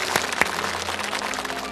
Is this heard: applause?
yes